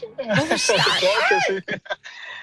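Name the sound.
cat meowing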